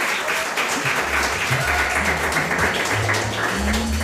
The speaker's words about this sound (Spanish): Un aplauso para Arantxa. ¡Que se oiga, que se oiga! ¡Que se oiga!